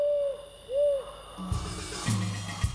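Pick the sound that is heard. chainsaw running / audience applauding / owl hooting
owl hooting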